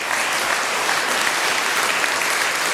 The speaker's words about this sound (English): A round of applause again to Iona Fife, ladies and gents.